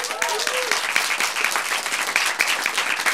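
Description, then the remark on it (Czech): A crowd gives a huge round of applause once more for a performer, dense overlapping claps filling the whole clip at an even, loud level, with a few brief whoops or cheers rising at the start. “Veronika Sirotková, obrovský potlesk ještě jednou.”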